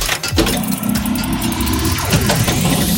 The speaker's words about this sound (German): Bei dir rumpelt's aber auch ordentlich. Ja, ich bin gerade im Auto mit meinen Kindern.